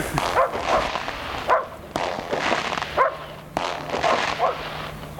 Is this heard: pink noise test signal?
no